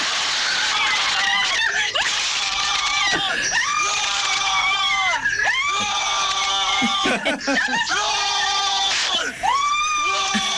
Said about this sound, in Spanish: nosotros gritamos así los goles, escucha. A ver cómo gritaron los goles.